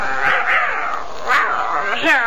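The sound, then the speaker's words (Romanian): A puppy gives several short, high-pitched yapping barks mixed with throaty growls, fairly loud, in quick uneven bursts over a couple of seconds. “Iar tu, cățelușule, pe tine chiar dacă nu te iubește stăpâna Hapsi, am eu grijă de tine”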